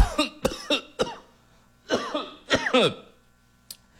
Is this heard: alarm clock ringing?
no